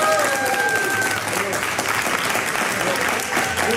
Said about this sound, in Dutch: Maar eerst een keer live applaus, wel een keer leuk ook. Waar was dat applaus nou, voor ons of voor mevrouw Van der Wal? Ja, ik denk voor mevrouw Van der Wal.